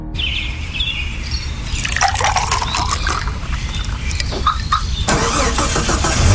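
A car engine, started with a remote car starter from Kelleher Tech, cranks over and catches, then settles into a steady idle with a faint squeal and a rising rev near the end. No one speaks.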